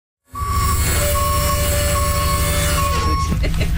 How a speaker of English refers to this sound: A few blocks away, we picked up a couple more ladies, one of whom needed a bit of an assist using the bus lift.